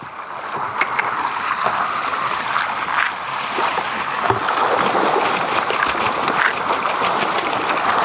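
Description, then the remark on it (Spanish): Dense, continuous splashing and churning of water, with many quick sharp slaps breaking the surface in an irregular, busy rhythm as farmed trout thrash while feeding at a fish farm in Puyuhuapi fed by glacier water. No voices are heard. “Mira cómo comen los peces.”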